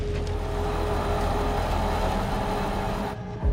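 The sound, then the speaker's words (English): A damaged rally car, just put back on its wheels, idles roughly with a steady, uneven low rumble and faint tonal whine, sputtering irregularly before cutting off near the end with a brief thump. “Let's just listen to the engine note. Oh yeah, that sounds sick as a dog now, doesn't it?”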